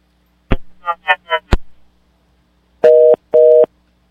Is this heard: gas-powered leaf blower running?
no